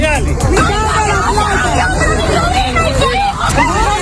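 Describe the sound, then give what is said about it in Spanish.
A loud, dense crowd of outraged families in Caracas, Venezuela, shouting and arguing at once as they confront Venezuelan military police seen stealing money and jewellery from houses destroyed by earthquakes seven days earlier. Agitated cries rise over a constant hubbub, with a low rumble of traffic underneath. “Lo que escuchas son familias, familias indignadas que se enfrentan a la policía militar venezolana al verla robar dinero y joyas de las casas derruidas tras los terremotos hoy, hace 7 días.”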